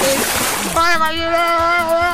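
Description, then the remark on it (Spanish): A car tears through a water puddle with a loud, broad rushing splash that lasts under a second, soaking pedestrians, and a voice with a sustained, tonal quality follows right after. “No falta el que pase y los moja ya.”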